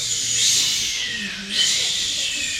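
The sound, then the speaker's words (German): Voices imitate waves on a beach with breathy, hissing shushes that swell and fade twice, the second surge rising after a short dip in loudness. “So Wellen, die an einem Strand stoßen. Was machen denn Wellen? Genau. Gebt uns mal die Welle.”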